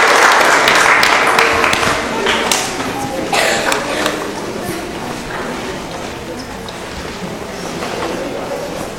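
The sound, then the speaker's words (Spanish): A crowd claps steadily for several seconds to encourage children about to sing, a dense, loud patter of many hands that gradually softens toward the end, with faint voices mixed underneath. “Entonces, hermanos y hermanas, fuerte los aplausos para que los niños se puedan animar con sus cantos en esta oportunidad.”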